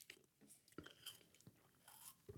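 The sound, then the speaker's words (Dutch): Someone takes a quick sip of water: soft wet lip smacks, a few small clicks and a faint swallow, all quiet, with no talking. “Een evangelist, ik neem heel even een slokje water, if you don't mind.”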